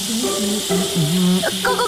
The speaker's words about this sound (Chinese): 够了！洗个咖啡杯用得着这么多水吗？咱茶水间都快被你水漫金山了。